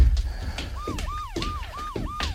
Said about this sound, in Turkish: Polis arabalarının sesi bu. Suzan'ın tabancasından çıkan sesi duymuşlar.